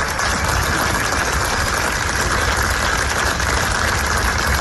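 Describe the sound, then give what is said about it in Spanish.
Hundreds of people outside the auditorium of the Museo do Pobo Galego applaud without pause for 20 minutes to bid farewell to Xosé Manuel Beiras after a civic tribute, a dense, steady roar of clapping that holds an even loudness throughout, with no voices standing out. “20 minutos de aplausos para despedir a Xosé Manuel Beiras.”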